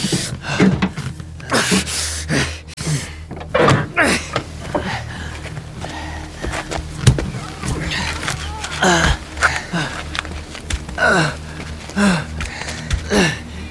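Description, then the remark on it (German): Repeated heavy thuds of someone banging on a car door jammed by the impact of a collision with a moose, coming in irregular bursts, mixed with strained gasps and panting breaths between blows. “Die Tür hat sich durch den Aufprall verklemmt.”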